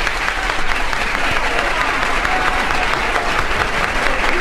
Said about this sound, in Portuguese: A maior do mundo. A salva de palmas mais longa da história do disco. A maior de todas.